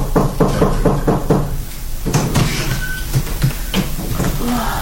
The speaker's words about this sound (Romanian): Să bată la ușă.